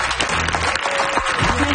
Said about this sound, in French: Est-ce qu'on peut applaudir bien fort